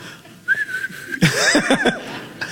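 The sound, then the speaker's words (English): A person whistles to call back a donkey: one steady held note, then a quick run of rising and falling swooping whistles, fairly loud and with no talking. “I think … was probably whistling for the donkey.”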